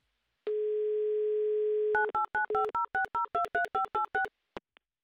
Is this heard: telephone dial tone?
yes